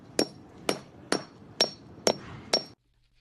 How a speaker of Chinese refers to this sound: 我先用这个工具打，上面有螺丝帽的切不行，先打。啊，也有打不下来的，打不下来的呢，就用这个切割机切。像这呢，有我这套工具，一两分钟就把这个地钉残留物就清除干净了，剩下的砸进去。